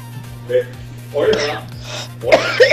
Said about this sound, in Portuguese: Ela mandou um áudio só tossindo.